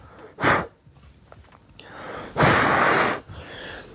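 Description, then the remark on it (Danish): Two breathy exhalations blown onto a polished boot while shining it during a strap inspection at Livgarden, the Royal Life Guards: a short puff, then after a pause a longer, steady hiss of breath, with faint rustling in between and no talking. “Så jeg puster.”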